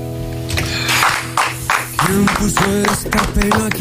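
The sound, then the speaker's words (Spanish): A crowd of people filling a studio control room clapping in a steady rhythm, the claps landing about twice a second over sustained tones and background voices, lively. “está el control entero lleno de gente, lleno de gente aplaudiendo.”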